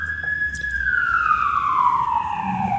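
A loud ambulance siren sweeps past, its steady wail sliding lower in pitch as it moves away, with a low traffic rumble underneath.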